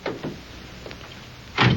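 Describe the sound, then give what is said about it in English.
A couple of quick clicks and rattles from the door of a police radio car, then a pause before it shuts with a single solid thump. No one speaks. “Here's the radio car. Won't take a minute to check your story. All right, get in.”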